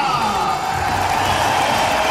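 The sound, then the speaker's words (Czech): A big indoor crowd roars and cheers continuously for the Czech team at a Davis Cup tennis tie in the packed Libeň hall, a dense, loud wash of voices filling the large hall with no pauses and no single voice standing out. “Ano, slyšíte tu kuliso? Po 13 letech nastupuje český tým k Davis Cupovému utkání v libeňské hale.”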